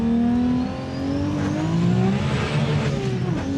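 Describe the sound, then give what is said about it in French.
A powerful Supra supercar engine with more than 1,600 horsepower revs loudly, its deep harmonic tone climbing steadily in pitch as it accelerates, with a rough, throaty roar throughout and no voices. “Bref, malgré les plus de 1600 chevaux, on peut rouler confortablement sans l'effet on-off.”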